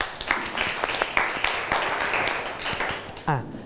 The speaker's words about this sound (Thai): โอเคปรบมือให้เพื่อนหน่อยนะครับ